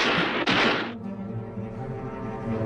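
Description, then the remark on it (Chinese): Two loud gunshots crack in quick succession at a busy, foggy dock, each a sharp, booming blast, before fading into a steady, low tonal hum that lingers afterward. “正当他们要分手的时候，忽然砰砰两声枪响，码头上来往的人们都惊愕地循声张望。”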